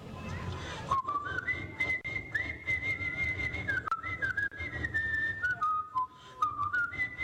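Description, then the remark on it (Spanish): A person whistles a lilting tune, imitating a grandfather who whistled while pounding rice. The melody rises and falls in smooth steps for several seconds over a low, rumbling background noise, with no talking. “Ellos pasaban pilando y él pasaba chiflando cuero.”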